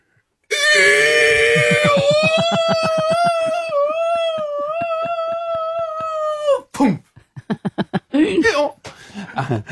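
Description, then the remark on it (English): A voice imitates a donkey falling from a plane: a loud, pulsing bray that stretches into a long, sustained high wail lasting several seconds, followed by short bursts of laughter. “a donkey falling”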